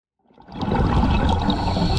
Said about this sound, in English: You and I hear a diver breathing underwater, but the diver in this coral reef in the Maldives is hearing something we can't.